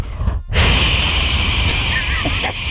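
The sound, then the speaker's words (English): A host blows a loud, harsh white-noise hiss straight into a microphone to quiet a crowd: a short burst, a split-second break, then a steady rushing roar lasting over two seconds, with no words. “And I create white noise over the mics.”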